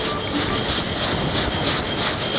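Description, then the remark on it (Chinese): Small square dough cubes rattle and tumble as they are shaken in a basin to round them off, for the Chinese dish called pen li peng, making a steady, dense, gritty swishing rattle that rolls on without pause. No one speaks. “这就是嘎嘎声了，是吗？ 这就叫盆里碰。”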